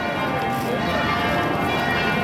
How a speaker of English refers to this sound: there was certainly plenty of noise with those church bells. There was, especially in the middle of the day. But it was quite atmospheric.